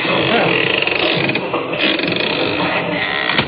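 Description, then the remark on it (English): A door creaks slowly open in the dark with a long, loud, grinding squeal that rattles and strains for several seconds, with a muffled scuffle or murmur beneath it. “And a good thing, too, or they'd have seen that door open.”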